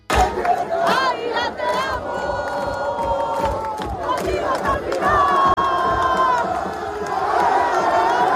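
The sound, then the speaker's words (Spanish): A huge crowd of thousands of Águilas football fans roars and chants loudly without pause as they receive the team bus at night and follow it through the main streets of the coastal town after promotion to Primera Federación, their massed voices rising into sustained sung calls and sharp shouts throughout. “El equipo llegaba anoche y era recibido por miles de aficionados que siguieron el autobús por las principales calles del municipio costero.”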